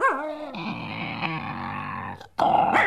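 A bear growls loudly, a continuous rumbling snarl with pitch that swoops and wavers, breaking off briefly near the end before surging again.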